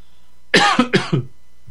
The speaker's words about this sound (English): Let me cough here for a second. And get a slurp of water here.